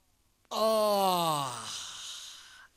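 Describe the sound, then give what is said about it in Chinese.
A man's voice imitates a long, drawn-out yawn as the character Xu Ning puts his book on the table and stretches: a sudden open-mouthed onset with a falling, breathy pitch that tapers off over about two seconds, fairly loud, with no words. “就看徐宁把那书本往桌子上一放，打了个哈欠，伸了个懒腰。”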